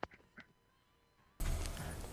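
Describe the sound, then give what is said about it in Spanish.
A few short, nasal duck-like quacks come first, then a sudden loud stretch of harsh, raspy quacking fills the rest of the moment. “Te sorprendió la voz del pato, ¿verdad?”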